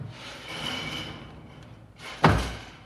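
A door is eased shut quietly, with a soft sliding rustle before a single muted thump as it latches near the end. No one speaks.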